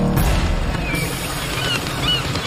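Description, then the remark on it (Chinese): Several short, squawking cries from a few seagulls on a sandbar ring out over a steady rush of wind or surf, with no voices present. “沙洲上有很大的空地，但除了几只海鸥，没有一只海豹在这里休息。”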